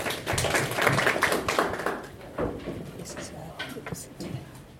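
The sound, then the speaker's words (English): An audience at an Aga Khan University Graduate School of Media and Communication event with the Kenya Editors Guild claps to welcome a doctor to speak, in a dense, steady patter of many hands. The applause is loudest at first, then gradually thins and fades over a few seconds. “Applaud for Daktari, tafadhali.”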